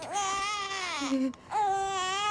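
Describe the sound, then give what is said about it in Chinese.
A hungry baby boy who has no milk to drink wails loudly in two long, high-pitched cries separated by a brief catch of breath, the second cry starting sharply and holding steady. No one speaks. “俺孙子吃不上奶，不能连个鸡蛋都吃不上。”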